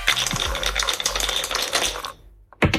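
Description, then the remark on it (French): Dice are rolled for a board game, rattling and clattering across a hard surface in a dense burst of clicks for about two seconds, then stop, landing on a four; a brief sharp clack follows after a short pause. No one speaks. “Je vous donne les dés, vous les lancez.”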